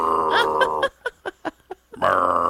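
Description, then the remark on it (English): A person vocally imitates a semi truck's Jake brake: a loud, low, buzzing drone breaks into a quick series of sputtering pulses, then resumes as a steady rumbling buzz. “That's my Jake brake sound.”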